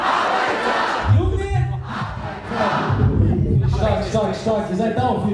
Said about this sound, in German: Beim Konzert in München brauchen sie keine 30 Sekunden, um das Publikum mitzureißen und zum Feiern zu bringen.